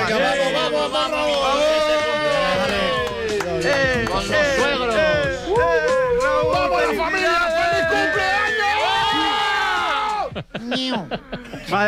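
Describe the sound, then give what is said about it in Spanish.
A crowd of people shouts and cheers loudly all at once at a birthday celebration, many overlapping voices sustained for about ten seconds before briefly dropping off near the end. “Por favor, no gritéis tanto que me estáis saturando el sonido.”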